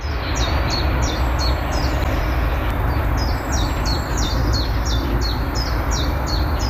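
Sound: birds chirping and singing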